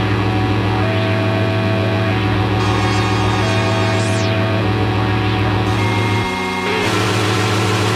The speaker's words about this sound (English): Sounds like a bunch of bent electronic toys. Some funky keyboards.